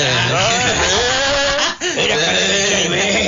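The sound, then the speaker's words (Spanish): A person imitates sheep bleating: a run of loud, wavering nasal bleats with a short break in the middle, and no other voices or sounds around them. “Mi mamá, las ovejas le decían...”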